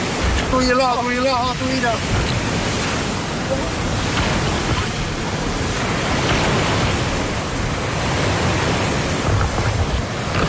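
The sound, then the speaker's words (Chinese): Loud, continuous roar of sea waves over one metre high, whipped up by a force-7 northwesterly wind, surging and crashing in a bay northwest of Kunyu Mountain, with heavy wind noise buffeting throughout; a brief voice calls out near the start. “七级西北风卷起的海浪超过一米，但这些熟悉海底地形的赶海高手，任凭大浪翻滚，依旧保持平衡。”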